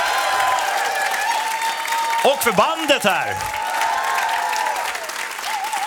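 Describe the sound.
An audience claps steadily throughout, a dense wash of applause with a voice speaking briefly over it and a few pitched vocal sounds sweeping through the middle.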